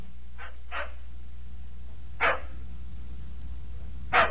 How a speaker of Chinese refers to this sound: 有一天，兰丁格尔经过了牧场旁边的小库房，却听见了里面传来了一阵阵狗儿在那儿哀鸣的声音。